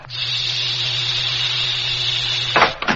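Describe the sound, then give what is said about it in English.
The airlock to a truck's living quarters opens with a loud, steady hiss of escaping air over a low hum, lasting a couple of seconds before cutting off with a few sharp mechanical clunks. “No, then we'd better let ourselves in. Open the airlock.”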